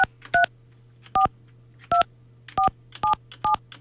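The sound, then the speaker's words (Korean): A series of about seven short touch-tone beeps from a phone keypad being dialed to call a final challenger, evenly spaced and fairly loud, over a steady low hum with no talking. “마지막으로 이분에게 한번 제가 전화를 한번 해보도록 하겠습니다.”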